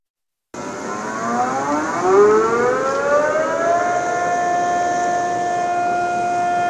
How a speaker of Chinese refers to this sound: 今天是918事变爆发纪念日，内蒙古各地鸣响防空警报，开展形式多样的爱国主义教育活动，铭记历史，勿忘国耻。